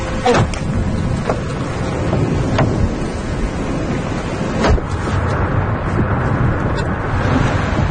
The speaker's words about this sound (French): Bon, on est vraiment au cœur de l'orage. Hein. Ouais. Là, il y a la pluie, le vent, les éclairs.